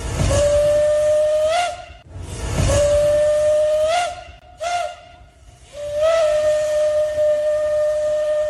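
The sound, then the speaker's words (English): A steam locomotive whistle sounds the railway crossing signal: two long blasts, a short one, then a final long blast, loud, with steam hissing around each note. No one speaks. “And at a railway crossing, the signal is too long, a short, and a long.”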